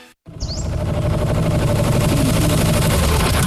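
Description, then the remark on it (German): A new tractor's engine starts up after a brief silence and runs at a steady, loud, deep rumble with a dense rattling chug throughout. A short high squeak sounds near the start. “Wow, das klingt ja nach einem neuen Traktor.”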